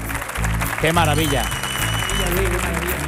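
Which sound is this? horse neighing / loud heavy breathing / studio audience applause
studio audience applause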